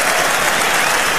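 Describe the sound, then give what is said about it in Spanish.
A large concert audience applauds in a dense, steady roar of clapping, loud and sustained throughout the short stretch with no voices rising above it. “Y es de la nitidez de los aplausos, tío.”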